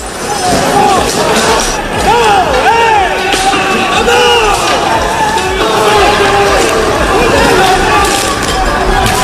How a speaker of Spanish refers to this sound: Gente encapuchada, vestida de negro, con palos, bates de béisbol, petardos y una batalla campal. Han volado sillas, mobiliario urbano. Bueno, este es el sonido.